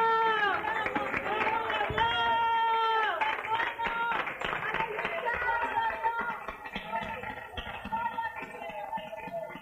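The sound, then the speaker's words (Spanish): A crowd claps and cheers in applause to "our king", the Lord, with loud voices shouting and singing over the steady applause. The clapping stays dense throughout and fades slightly toward the end. “¡Otro aplauso a nuestro rey, hermano!”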